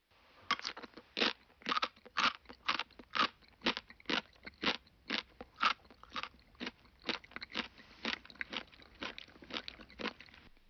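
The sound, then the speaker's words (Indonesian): Crunchy chewing of something hard, with roughly twenty sharp crunches in a steady rhythm. The bites are loud and brittle and there is no talking. “Ini adalah bori-bori. Bunyi ketika mengunyah sesuatu yang keras.”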